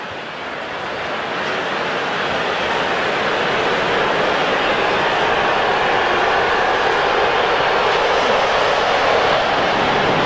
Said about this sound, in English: Here comes another one. That plane was moving. It can be loud here when those planes buzz us. We got a lot of that yesterday, the day before.